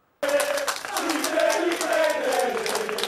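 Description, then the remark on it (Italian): Steady applause from a crowd greeting the news that the football club Juve Stabia is saved, dense rapid clapping that starts abruptly and stays loud throughout, with some mixed voices and cheering underneath. “Due mesi di paura spazzati da un applauso.”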